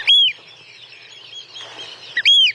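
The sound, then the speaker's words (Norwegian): Two loud, shrill piping whistles from an oystercatcher, one at the start and one at the end, separated by a brief quiet gap with faint background noise. “Der hørte du kjellen, og så var det jo den som hadde litt sånn sjølysens langt, oransje nepp, ganske så spist og langt, ja.”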